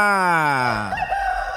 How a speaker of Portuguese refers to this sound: A hora que o galo canta, a hora que você levanta. Reage, meu galo.